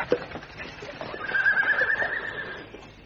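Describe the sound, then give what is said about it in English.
A horse lets out a loud, drawn-out whinny lasting over a second, with hooves clopping irregularly on a road underneath amid a busy, rustling background. “Block the road. Stop the horse.”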